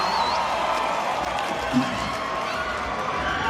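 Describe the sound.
A large concert audience at the Palais aux Nions cheers and roars continuously at steady, loud volume, a dense wash of voices, with a single man's shout briefly rising out of the din midway.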